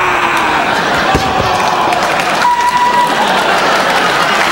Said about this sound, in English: All right, guys, I gotta go. Bye, round of applause.